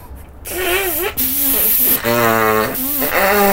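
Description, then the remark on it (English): A child forcefully blows his nose into a handkerchief by the sea, a loud breathy hiss with a wavering, honking pitch running through it, repeated in several sustained bursts with no one talking. “Good God, you blew me hanky into the sea.”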